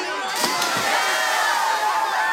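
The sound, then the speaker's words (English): A lively party crowd cheers and whoops continuously, many voices shouting together in a loud, steady roar with a few sharper yells standing out. “In movies, when someone at a party jumps into a pool fully dressed, everyone cheers them on and jumps in too.”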